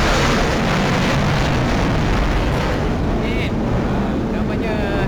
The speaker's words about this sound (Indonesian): Baru saja berlalu kita punya pejuang, pesawat pejuang ATM kita, Sukhoi, yang telah melintasi di ruang udara kita atas tadi. Kalau tak dapat dengar tadi, deruman enjin. Pendengar KLFM boleh dengar sekarang ni.